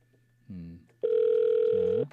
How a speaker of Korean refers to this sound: 자, 일단은 이제 우리 권사님에게 전화를 먼저 걸고 근데 권사님이 전화를 안 받으시네. 왜 이러시지?